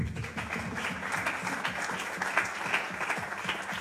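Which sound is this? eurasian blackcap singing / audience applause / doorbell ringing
audience applause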